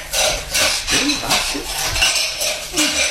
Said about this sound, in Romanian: Cred că rostul meu e să spăl vasele.